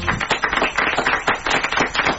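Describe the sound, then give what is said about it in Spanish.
A group applauds, dense overlapping claps filling the whole moment at a steady, fairly loud level, with no voices over it. “Aplauso para Tobías Martínez, que encontró un teléfono celular, un iPhone, y lo devolvió.”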